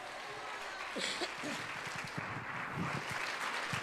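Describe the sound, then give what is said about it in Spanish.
An audience at a church camp applauds God with steady, dense clapping that holds at an even loudness throughout, while scattered voices call out beneath the applause. “Puedes aplaudir a Dios.”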